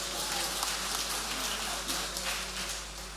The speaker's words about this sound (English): Look at how the choir looks wonderful. Let's give the choir a round of applause.